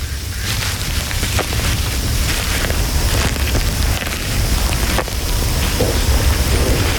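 Heavy rain pours steadily in warm, wet weather with a dense hiss and scattered sharp drop sounds, while a deep low rumble of approaching thunder rolls continuously underneath. No one speaks.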